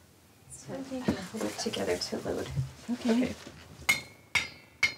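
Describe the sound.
A spoon taps glass jars of home-canned salmon three times in a spoon test of the seals, each strike sharp and bright with a short clear ring. A person talks just before the tapping starts.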